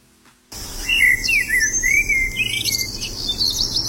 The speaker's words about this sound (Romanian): Când păsările ciripesc. Da. E un ciripit foarte drăgălaș de păsări. Primăvara parcă e și mai dulce sunetul lor.